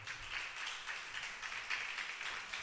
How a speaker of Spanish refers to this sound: Regálele un aplauso al Señor, hermano, por favor.